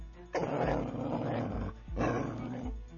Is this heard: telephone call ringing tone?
no